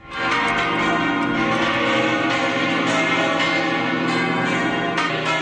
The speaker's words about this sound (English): The bells of the Almudena Cathedral in Madrid ring out to welcome Pope Leo on his trip to Spain.